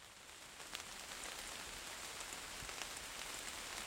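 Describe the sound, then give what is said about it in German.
Steady rain patters on the leaves of large beech trees at the Hünenteich in Hainich National Park, a dense, even hiss with scattered drips popping through, continuous and moderately quiet, with no voices. “Dort angekommen hat es bereits zu regnen begonnen.”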